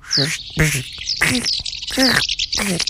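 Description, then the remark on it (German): A person mimics a house martin's call with five quick, buzzy chirping bursts in a steady rhythm, fairly loud, with short gaps between each squeaky, twittering note. “Also, schönen Gruß auf dem Weg nach Afrika geht an dieser Stelle an die Mehlschwalbe. Ich versuche das jetzt mal in ihrer Sprache.”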